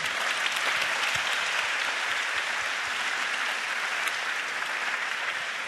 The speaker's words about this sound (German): Die Stimmung im Saal war höchst interessiert. Also geben Sie sich bitte selber noch einmal einen Applaus.